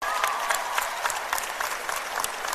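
An audience claps steadily, a dense patter of many hands with crisp, bright transients, sustained at even loudness for a few seconds without talk over it.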